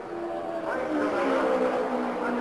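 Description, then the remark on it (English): A loud, steady roar of racing engines, with several high whining tones that climb and shift in pitch as race cars of A.J. Foyt, Al Unser and Johnny Rutherford pass on an oval track just after the green flag, heading up the backstretch. No one speaks. “Foyt, Al Unser is between those two cars as they head up the backstretch, Sid.”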